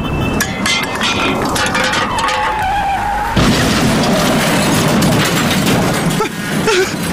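A kicked can gives a brief metallic clink, then comes a rising screech of skidding tires and a loud, sustained crash of metal and clattering debris from the accident it causes, rumbling on for several seconds.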